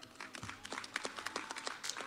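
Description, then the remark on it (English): Parents' applause at an awards ceremony, a steady patter of many overlapping hand claps with sharp, irregular bursts, fairly soft overall and with no voices. “And parents, ensure you keep the applause going, especially when you hear your child's name.”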